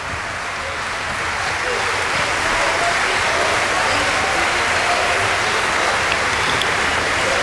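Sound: opera audience applause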